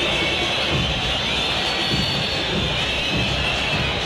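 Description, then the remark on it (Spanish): A steady, broad roar of the stadium crowd at River's Monumental as the first half ends in a 0-0 match between River and Blooming, with thin high whistles running through it at a constant level and no clear cheering or chanting. “Con algunos silbidos, con más silencio que reprobación por ahora.”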